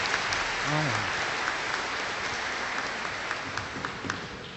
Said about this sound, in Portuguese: Olha! Merece até uma salva de palmas essa pergunta, né?